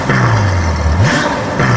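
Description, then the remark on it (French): A Ferrari sports car engine revs loudly, a deep rising growl that drops and then climbs sharply again over under two seconds, with no voices. “Son moteur vrombit comme aucun autre.”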